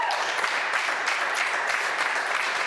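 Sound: crew applause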